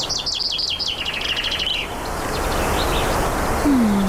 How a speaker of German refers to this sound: Die Elche sieht man kaum, sondern meistens einfach nur Wald, irgendwelche Flüsse und man hört den Wind und Vögel singen.